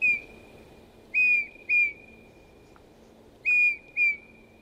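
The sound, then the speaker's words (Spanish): Sweet, pure, powerful whistled notes of a Eurasian bullfinch (Pyrrhula pyrrhula), clear, arriving in short paired phrases with brief pauses between them over a faint, steady background hum. “Su canto es una serie de dulces silbidos potentes que el macho debe aprender de sus padres.”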